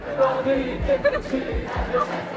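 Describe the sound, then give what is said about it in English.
About 100 or more students from the Sophie Germain Lycée in central Paris, blockading their school, chant slogans and songs targeting the government, the far right and the police in a party atmosphere. The young voices are loud, with a rough rhythmic cadence and a dense background of shouting and murmuring. “in a party atmosphere chanted slogans and songs targeting the government, the far right and the police”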